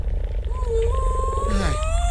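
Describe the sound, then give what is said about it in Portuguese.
A whale call: drawn-out tonal moans that bend up and down in pitch, layered with faint harmonics over a constant deep underwater rumble, with no talking. “Não te preocupes, estas baleias não comem peixe, comem krill.”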